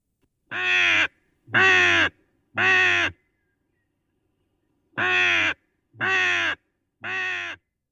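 Six harsh, hoarse raven calls ring out loud, three evenly spaced croaks, a brief pause, then three more in the same steady rhythm.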